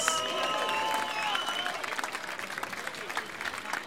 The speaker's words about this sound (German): Wir spendieren uns jetzt einmal einen großen Applaus, einfach weil es so bärig ist in Klausen. Und natürlich für unsere Musikkapelle, für unsere Musik, die Volkspartie und die Bägelmusik aus Nordtirol. Einen großen Applaus!